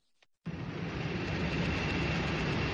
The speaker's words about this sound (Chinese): 上午，随着引擎轰鸣，圆通航空嘉兴号货机缓缓升空，飞往孟加拉国达卡机场，标志着嘉兴南湖机场首条国际货运航线正式开通。